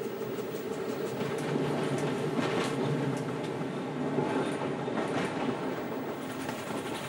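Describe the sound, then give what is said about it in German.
A typical Italian four-axle 'Cento Porte' passenger car, built from the mid-1920s, rolls steadily along the rails of the Valsugana railway in Italy with a continuous low rumble and faint rhythmic clatter of wheels, no voices, the noise holding even throughout. “Auf der Valsugana-Bahn fahren wir in typisch italienischen vierachsigen Personenwagen, sogenannte Cento Porte.”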